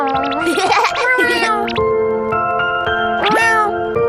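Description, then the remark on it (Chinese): A cat that was found and taken in meows in a few loud bursts, first a cluster of rising and falling cries, then one more after a pause, over a steady sustained tonal background. “我捡到了一只猫，我要好好照顾它。”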